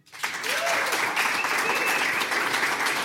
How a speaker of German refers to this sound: Es trägt den sehr besonderen Namen Saum. Und ich bitte Sie um einen großen Applaus für Ro Bergmann.